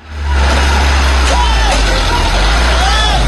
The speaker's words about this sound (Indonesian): Oh, ini penarikan menggunakan truk lain ya. Nah, Anda bisa lihat kawan prosesnya. Jadi truk yang tadi terguling di bahu jalan itu diseret oleh truk lain, truk muatan tebu yang lain, supaya truk yang terguling itu bisa berdiri. Sudah aman ini.